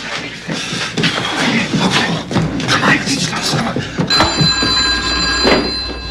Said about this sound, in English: Come on. We should answer the phone. You want to wake up the whole neighborhood?